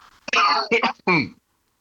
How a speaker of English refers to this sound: Sorry, I'm going to have a quick cough.